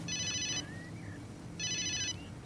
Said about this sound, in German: Ihr Telefon. Das Präsidium.